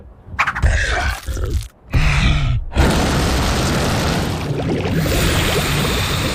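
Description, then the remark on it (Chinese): A fire dragon, Spark (火花), lets out a short growling grunt, then breathes fire to heat a potion cauldron in a loud, steady roaring whoosh that rushes on for several seconds without letting up. “火龙加热魔药锅， 火花喷火。”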